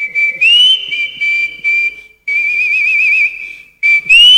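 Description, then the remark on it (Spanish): A person whistles a clear, loud melody in several short phrases separated by brief pauses, with a warbling trill in the longer middle phrase and no talking. “Si no se olvide la silbadita, dice, ¿no?”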